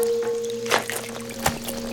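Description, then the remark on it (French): Two soft splashes of Malo's paws stepping carefully into puddles land about a second apart over a light, continuous patter of gently falling rain, with a steady low hum running underneath. “La pluie, les flaques, ses pattes. Oh, tout fait du bruit.”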